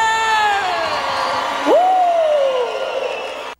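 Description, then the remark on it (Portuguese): A crowd cheers with a loud, sustained whoop that glides down in pitch, then swoops up again and slowly falls, over a steady wash of clapping and crowd noise. “Uma salva de palmas pra você!”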